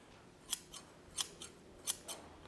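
A pair of newly forged metal scissors, nearly finished at a scythe smithy and meant to be built into a fence, opened and closed in three quick pairs of crisp snips, each a bright clinking slide followed by a softer one, clear with no voices.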